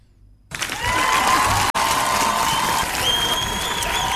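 Sustained studio applause on the 52.9 radio morning show (8 to 11), a dense wash of clapping that starts abruptly after a brief quiet moment and holds steady and loud, with a momentary dropout partway through.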